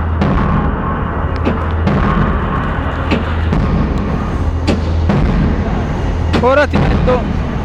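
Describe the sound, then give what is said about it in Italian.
Sharp, clanging hits ring out with a metallic echo over a constant loud rumble, several of them spaced irregularly, and a short voiced sound rises near the end. “Senti l'eco metallico.”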